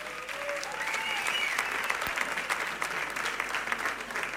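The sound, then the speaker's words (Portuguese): An audience at a music competition final applauds the 30 participating bands and authors steadily for several seconds, a dense, even wash of clapping hands with a few faint whoops rising above it and no speech. “Podem bater palmas agora.”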